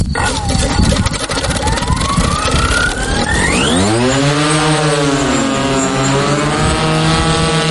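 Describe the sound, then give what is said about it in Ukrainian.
The loud, whining engine of a Ukrainian long-range reconnaissance drone climbs in pitch, then settles into a steady buzzing hum that wavers slightly as it flies overhead, circling above the occupied Kinburn Peninsula. No voices are heard. “над тимчасово загарбаним Кінбурнським півостровом кружляють українські розвідувальні борти.”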